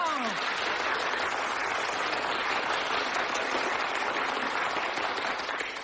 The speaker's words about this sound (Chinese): 长时间鼓掌。